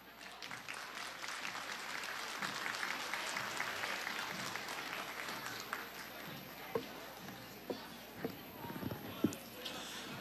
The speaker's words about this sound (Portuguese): Esta foi a homenagem da Semana da Pátria da Escola de Educação Infantil Girassol. Vamos aplaudir!